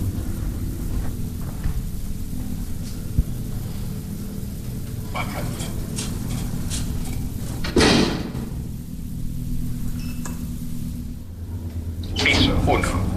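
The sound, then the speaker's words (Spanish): A door is opened with a sharp clack and rush of noise partway through, set against a steady low rumble, followed later by another scraping, rattling burst. “Abriendo puertas.”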